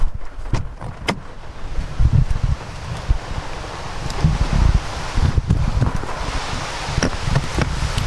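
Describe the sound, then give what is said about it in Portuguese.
Strong storm wind roars and buffets in the village of Piódão on a dark morning as an umbrella is opened: a steady gusty rumble with rustling and several sharp flapping or clattering bursts scattered throughout; no one speaks. “Isto é a força do vento.”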